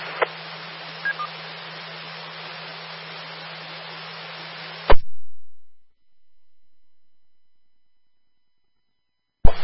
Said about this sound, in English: Yeah, I barely hear it. Barely. I was just doing some tuning on my noise filtering and that here to see if I could bring it down a little bit, but I got a solid S9 with static crashes. I can tell there's somebody there, but that's all I can say.